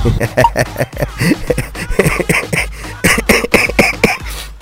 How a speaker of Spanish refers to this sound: Ahora sí, como dice el dicho, tienes tos